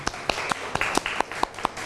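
A classroom group applauds a student with steady, rhythmic clapping, about eight sharp claps in quick succession, moderately loud, with no talking over it.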